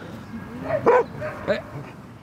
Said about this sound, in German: Kleiner Stresser. Als er älter ist, hat er so ein paar Macken und macht hier so die Hundeplatzpolizei. Wenn die jüngeren Hunde spielen, dann kläfft er die an. Warum spielt ihr hier? Was macht ihr da?